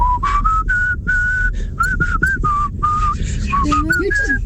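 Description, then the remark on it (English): A person whistles a quick, lilting tune, the notes bright and clear in short bursts with barely a pause, carried over a faint low rumble in the background. “You have to whistle a reel, a jig and a hornpipe, but you have to be able to whistle breathing in and out.”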